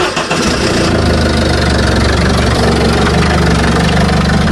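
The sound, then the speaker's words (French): A petrol (unleaded) engine, not a diesel, turns over and catches within a moment, then settles into a loud, steady idle with a deep, even rumble. No voices are heard. “Le démarrage d'un moteur.”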